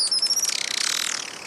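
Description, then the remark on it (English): A Juan Fernandez Firecrown, a critically endangered hummingbird of the Juan Fernandez Islands off the coast of Chile, gives a high, thin call as a rapid stream of tiny chattering pulses, starting shrill and then blurring into a descending buzzy trill, fairly clear, with no voices. “Perhaps the most vibrant is a critically endangered hummingbird called the Juan Fernandez Firecrown.”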